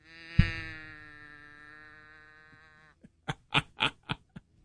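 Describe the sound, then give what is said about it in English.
An almost worn-out toy cow moo box, turned upside down, lets out a long, droning, reedy mechanical moo that holds steady for a few seconds, followed by a quick series of short, sharp bursts. “It's a cow. You turn it upside down, and then you go.”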